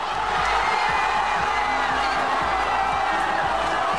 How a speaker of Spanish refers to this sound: Estos gritos de euforia no difieren mucho de los que se han escuchado durante toda la noche en miles de calles, de plazas del país.